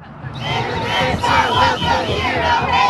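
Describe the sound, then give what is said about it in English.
A crowd of more than 100 protesters yells chants together across from the U.S. Immigration and Customs Enforcement office on the West Side of Indianapolis, many voices merging into a loud, sustained roar with raised, strained shouting that rises after a brief softer start and stays intense throughout. “For hours, they blew whistles, yelled chants, and held signs that said things like ICE out.”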